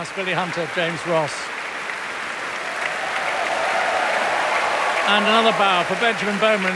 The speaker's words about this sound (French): Et un tonnerre d'applaudissements pour le concertmeister, le violon solo, Benjamin Bauman, violon solo de cet orchestre du Metropolitan Opera de New York. Il salue de son pupitre.